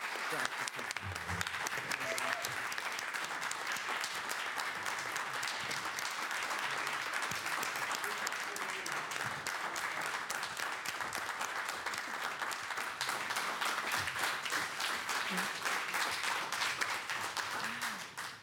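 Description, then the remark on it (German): Sustained audience applause for composer Jörg Wittmann, a dense crackle of many hands clapping at steady loudness for about eighteen seconds, with faint voices mixed in beneath it before it tapers at the end. “Und ich bitte jetzt um einen ganz herzlichen Applaus für Jörg Wittmann, der uns jetzt leider verlassen muss.”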